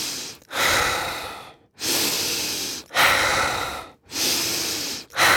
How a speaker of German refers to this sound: Deswegen ist mir wichtig zu sagen, ich kann es ja mal kurz vormachen, was hier so eine typische Frequenz ist, wie wir das machen bei diesen aktiven Atmen.